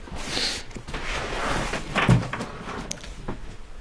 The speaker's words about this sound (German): Noch eine Tür.